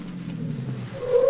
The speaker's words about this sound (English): Car stop in front.